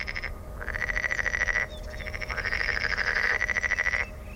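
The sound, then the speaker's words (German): Edible frogs (pond or water frogs) sitting at the water's edge croaking loudly in two long, rapid rattling bursts, vocal sacs puffing out, each a fast train of pulses with a creaky, bleating, nasal tone, with no talking over them. “Diesmal haben wir den Teichfrosch oder Wasserfrosch vor uns.”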